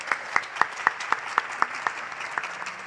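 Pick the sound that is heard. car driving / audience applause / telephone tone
audience applause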